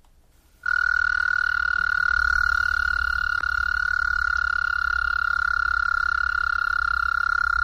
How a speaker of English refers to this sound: Practically, though, it was the call, you know, the windows open, could hear these toads, the loons calling. Yeah, the American toad is really getting his singing in.